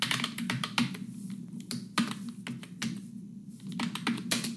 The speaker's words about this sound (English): It's the keyboard, typing keyboard. That's a tough one if that bothers you, because isn't that the soundtrack of the modern world? Wouldn't that be hard to escape? That doesn't bother me nearly as much.